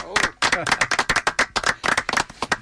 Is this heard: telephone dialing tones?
no